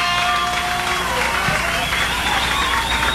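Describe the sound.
Sustained applause from an audience for a singer on stage with an orchestra, a dense, steady wash of clapping mixed with crowd noise and indistinct voices, holding at an even loudness for the whole few seconds.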